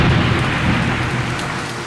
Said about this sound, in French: La pluie tombe tout à coup. Des trombes d'eau